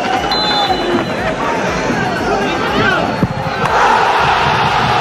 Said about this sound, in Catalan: Tres a dos, ahir contra el Córdoba, amb un gol de penal d'Urri al minut 89 i que va fer esclatar, com escolteu, d'eufòria la nova Creu Alta.